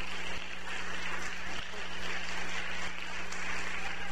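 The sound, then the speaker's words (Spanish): An audience at the Familia Betel Internacional church applauds their pastor: dense, steady clapping from many hands that holds at an even level for several seconds, with a low electrical hum underneath and no talking. “Fuerte el aplauso, sí, merece.”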